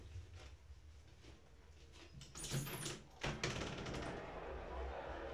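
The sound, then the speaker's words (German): A window being opened a little: two short bursts of rattling, scraping handling noise a moment apart, over a steady low background hum that carries on afterward. “Dachte ich, ich schlage meinem Hüstchen ein Schnippchen und mache ein bisschen das Fenster auf, aber es ist wahrscheinlich zu laut, ne?”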